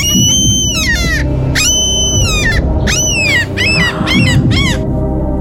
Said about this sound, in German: Ey, also ich habe gedacht, wow, ich hätte jetzt auch wieder auf die Hintergrundgeräusche mich nur berufen und gesagt, auch das ist ein Mensch, aber wow. Es ist eine Möwe. Wirklich? Es war eine echte Möwe.